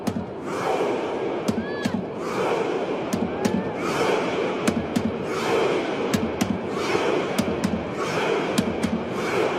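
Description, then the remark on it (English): Hundreds of Norwegian football fans at the FIFA World Cup chant a Viking row in rhythmic, repeated bursts, rowing with their arms, each shout answered by sharp drum hits that come quicker as the chant builds, loud and dense throughout. “As you can hear there are hundreds of people, Norwegian fans, just doing this Viking row.”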